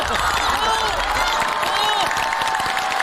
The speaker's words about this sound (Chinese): 各位运动员， 教练说得非常好，鼓掌。